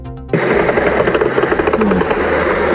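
An attack drone drones loudly overhead in Bashkortostan, where drones struck a Wildberries warehouse, its engine a harsh, steady buzz with a fast pulsing rattle that cuts in abruptly and holds throughout.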